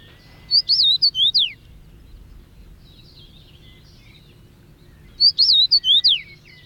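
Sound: finch song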